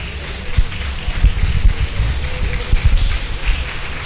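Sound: audience clapping hands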